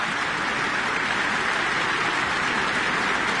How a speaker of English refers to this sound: Jimin Yu inviting Madeleine Pierard back on stage for another round of applause. Another bow from the podium.